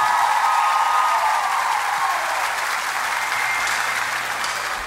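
Sustained audience applause for a performer after a show, a dense, steady wash of clapping at an even loudness for about five seconds, with no talking over it.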